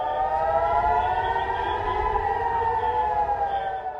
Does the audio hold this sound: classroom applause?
no